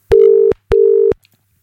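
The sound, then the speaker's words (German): Two steady electronic ringback tones from a phone line during an outgoing call to return a call, each about four tenths of a second long with a short gap between, clear with no voices. “Da drücke ich mal da drauf, dann da drauf und dann klingelt's.”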